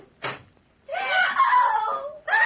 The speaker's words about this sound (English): What was that scream I just heard? It's your patient, Dr. Manette. We'll take you right upstairs to her now.